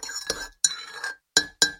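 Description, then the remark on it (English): A spoon clinks against a ceramic mug while making a brew, several times in quick, uneven strikes, each bright ring fading briefly before the next, fairly loud with no one speaking. “I checked while making a brew.”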